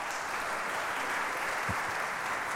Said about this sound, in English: Oh, that'll be a live recording then. It will be a live recording. I didn't mean to speak over the applause of that beautiful performance. That was music by Latvian composer Eriks Eschenvalds, Only in Sleep.